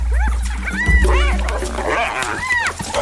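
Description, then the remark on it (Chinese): African wild dogs squabbling over prey with two spotted hyenas: a steady chorus of high, rising-and-falling yelps, whines and twittering calls over a low rumble, overlapping continuously for a few seconds. “现在非洲野犬落入下风。”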